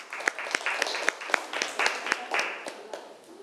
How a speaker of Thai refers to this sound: ขอเสียงปรบมือ